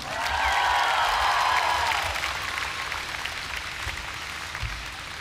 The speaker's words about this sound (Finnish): Isot aplodit